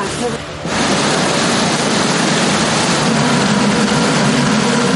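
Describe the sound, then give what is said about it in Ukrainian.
A pontoon boat engine roars steadily at full throttle on a river from start to finish, loud, its broad droning noise swelling up just after the first half-second and holding constant. “Двигун гучно реве на повну, а ми ледь встигаємо фільмувати безкраї річкові простори на телефони.”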